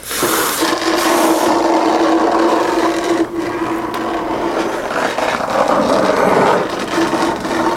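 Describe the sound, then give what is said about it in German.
A steady, rough scraping drags on for several seconds as a frog is dragged along the ground into a cave, with a faint hum underneath and a brief pause partway through. Nobody speaks. “Deswegen schleift sie ihn weg.”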